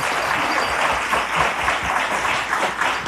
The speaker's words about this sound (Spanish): Bravísimo, si es para aplaudirlo.